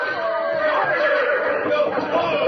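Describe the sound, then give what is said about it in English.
Horses tangled with a cab after a carriage crash whinny loudly and continuously, shrill neighs overlapping in an agitated jumble, with a faint chatter of voices underneath. “Get those horses of yours untangled from us.”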